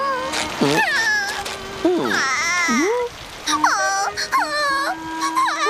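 A storm cloud baby cries and babbles in a run of wobbly, rising and falling wails and coos with brief pauses between them, over a soft steady hiss like light rain.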